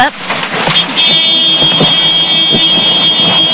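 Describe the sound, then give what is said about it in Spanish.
A steady, high-pitched electronic emergency alarm starts about a second in and holds one piercing tone without pause, loud over the constant roaring engine and rotor noise inside a helicopter that is broadcasting a traffic accident live and is losing altitude. “Cuando de pronto, sin aviso previo, se activó una alerta dentro de la nave.”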